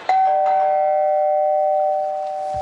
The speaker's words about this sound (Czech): Někdo zvoní asi. No ne, to by mě nenapadlo.